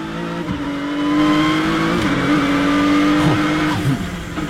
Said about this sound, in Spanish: Pero sí, si podemos poner un poco de sonido de esta vuelta del GT Mark IV, porque tenemos un motor naftero puro, sin asistencia eléctrica.